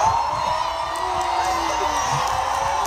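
A large concert crowd in Paris roars and cheers in a steady, dense wash of noise after being told England scored in the World Cup, with scattered whoops and shouts rising out of it for the full few seconds.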